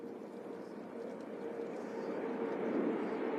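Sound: aircraft flying overhead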